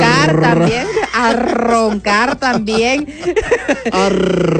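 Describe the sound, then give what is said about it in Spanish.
A man imitates snoring with his voice, making a run of loud, raspy, growling snorts that rise and fall in pitch, broken by a few brief pauses. “A roncar, le escuché bien.”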